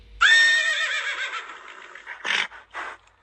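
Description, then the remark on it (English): A horse lets out a loud whinny that wavers and trails off over about two seconds, followed by two short snorting breaths. “This is a horse. Horse. What does a horse say?”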